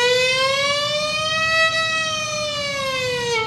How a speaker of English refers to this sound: There was an ambulance going down the road.